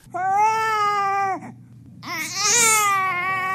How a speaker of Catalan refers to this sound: Aquest bebè fa ue, u-e, accent greu.